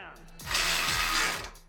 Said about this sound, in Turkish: İşte milyonlarca marifeti olan bir alet. 12 wattlık cırcır anahtarı. 900 gramdan daha hafif ama pneumatik cırcır kadar hızlı ve güçlü. İster arabanızla ilgilenin, ister evle. Bu bebek her şeyi sıkacak.